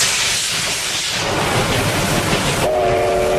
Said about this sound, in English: The operator of a popular Japanese steam locomotive has conducted a test run after a six-year break.